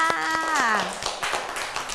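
At a teacher's request, children clap their hands in a quick, uneven run of claps that fills the moment, while a voice briefly sounds over the first part before fading out.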